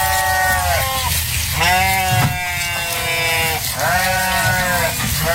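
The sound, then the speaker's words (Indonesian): Goats bleat loudly from a simple pen at a home in Samarinda, three long wavering calls in a row with short pauses between, over a steady noisy farmyard background. “dari kandang sederhana di lingkungan rumah mampu mengembangkan ternak kambing dan memasarkannya untuk kebutuhan masyarakat di Samarinda.”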